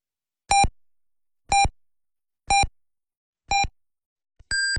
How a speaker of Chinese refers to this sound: 滨海文艺广播为您报时，北京时间22点整